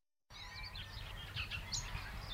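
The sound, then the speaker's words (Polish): Several birds chirp and trill in overlapping bursts outdoors in the village of Bogusławów, over a steady low rumble of background noise; no one speaks. “Ptaszki śpiewają.”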